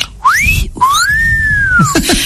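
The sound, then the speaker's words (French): A person imitates a common myna's whistle: a short upward-sweeping whistle, then a longer high arching one that slowly falls, ending in a few quick chirpy notes. “Et au moment où elle allait porter son swing, il y a le merle des Indes qui fait...”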